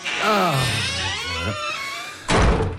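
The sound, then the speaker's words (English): A door shuts with a single solid thud near the end, following a couple of seconds of voice-like sound beforehand. “before we go any further into tonight's special American Independence Day show, let's close the door to the outside world.”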